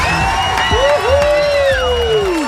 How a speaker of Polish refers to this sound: Uwaga, tu stoi tłum ludzi z tyłu. Patrz, posłuchaj, jak oni wiwatują na twoją cześć.